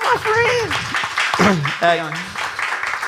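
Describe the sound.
An audience claps steadily while voices whoop and shout over the top, the cheering rising and falling in pitch for a few seconds.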